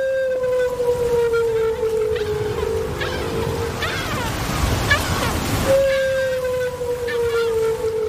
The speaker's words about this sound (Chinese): 丽萨的水听器捕捉到了大池鲸在水下的叫声，扬声器中传出了大池鲸悠长的叫声。这种声音听起来像是来自外太空